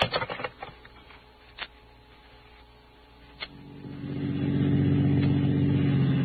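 A few sharp clicks and knocks, then a car engine rumbles up into a loud, steady low drone as the vehicle drives. No one speaks.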